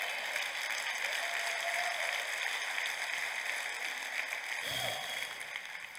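A church audience gives the Lord a dense, steady roar of applause that holds for several seconds, evenly spread, with a brief shout or cheer rising near the end.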